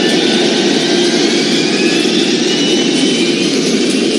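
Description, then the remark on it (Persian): An aircraft's first engine starts up on a runway and roars steadily and loudly, a dense, unbroken rumble with a high whine layered on top, holding constant throughout with no voices. “زمان به کندی می‌گذشت و به انتظار نشسته بودیم که ناگهان صدای روشن شدن موتور اول هواپیما و غرش آن سکوت باند را شکست.”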